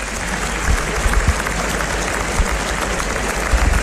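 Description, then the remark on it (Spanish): A large bullring crowd in Seville applauds in a sustained, dense ovation for the rejoneadores Joao Moura and his son, thousands of hands clapping steadily with occasional louder swells, with no voices on top. “Levantan el brazo en señal de gratitud a esta ovación que le tributa al público de Sevilla.”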